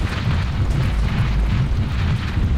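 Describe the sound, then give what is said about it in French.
A heavy, continuous rumble of a mudslide blocking the entrance of a cave, deep and loud, roaring steadily with a churning low roar and gritty texture throughout, no voices present. “Une coulée de boue vient d'obstruer l'entrée de la grotte.”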